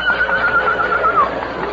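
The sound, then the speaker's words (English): A horse whinnies loudly, a wavering, trilling neigh lasting just over a second before fading, with no voices present. “But still we may not ride the horse.”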